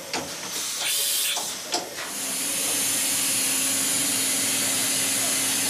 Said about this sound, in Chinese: 我们看见的是一个5轴数控机床的雕刻工艺展示，在厚度约0.2毫米的鸡蛋表面，雕刻机床正在进行1微米工艺的雕刻。这是精密加工工业机床研发阶段软件与硬件检测的一种方式。